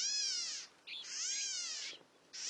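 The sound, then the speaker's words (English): A California gnatcatcher gives three nasal, kitten-like mewing calls in quick succession. Each is high, buzzy and arched, rising then falling, with the middle one longest. No voices are heard. “California gnatcatchers look and sound much the same.”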